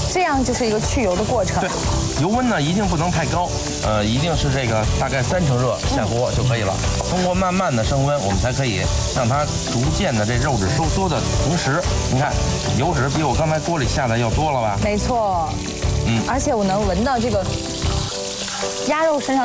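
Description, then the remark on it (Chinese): Steady sizzling and crackling of duck meat stir-frying in a heated pan with a little base oil to render out its excess fat, continuous throughout, with people talking over it and occasional scraping in the pan. “那第一步呢，我们把油锅烧热，然后呢，下入鸭肉，通过这种煸炒，我们来去除它多余的油脂。”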